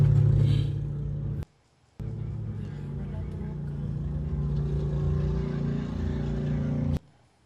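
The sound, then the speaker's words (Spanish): A car engine runs with a steady, low idling rumble at a gas station in Texas, briefly cut off after a moment, then continuing evenly with faint, indistinct voices in the background, as ICE agents pull the driver out to arrest him and the still-running car nearly rolls away on its own. “En medio del forcejeo, el auto que seguía encendido por poco se va solo.”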